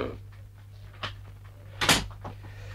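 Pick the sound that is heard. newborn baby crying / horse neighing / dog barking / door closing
door closing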